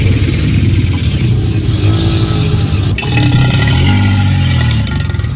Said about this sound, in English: What do you know? What do you know? It's an alligator.